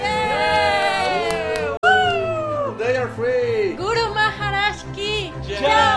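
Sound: huge crowd cheering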